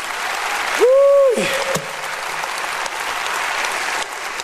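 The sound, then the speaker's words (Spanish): A crowd claps loudly and steadily for several seconds in praise of the King, a dense wash of applause with a brief rising-and-falling whistle-like tone near the start. “Apláudale fuerte al Rey.”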